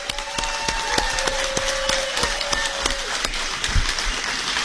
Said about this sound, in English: We've got a good crowd here. Everybody give Susan Collins a round of applause.